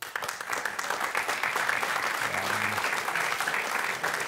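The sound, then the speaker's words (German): An audience applauds steadily, a dense wash of many hands clapping at once that holds at a fairly even level for several seconds. “Wer würde folgende Aussage vielleicht mit Applaus zustimmen?”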